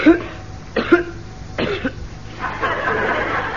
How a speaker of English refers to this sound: No, I just felt like coughing. Sort of clears my throat.